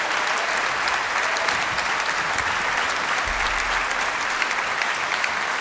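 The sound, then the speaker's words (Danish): Sustained audience applause for performers, a dense steady wash of many hands clapping at once, loud and continuous for several seconds with no voices standing out. “Ja, mine damer og herrer, giv dem lige et ekstra bifald.”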